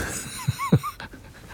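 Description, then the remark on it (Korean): A dog pants in a few quick, breathy bursts, with a couple of short, thin whimpers slipping in between, all over in under two seconds, at the seaside on a hot, sunny day with a cool breeze. “쉬는 날 댕댕이랑 바닷가 나와서 음악으로 힐링하고 있습니다.”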